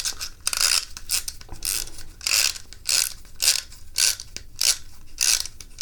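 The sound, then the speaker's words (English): A green clockwork toy boat being wound up: a series of bright, raspy ratcheting bursts repeating in a steady rhythm, about a dozen turns of the key, with no voices. “All right, so first, we wind up the boat.”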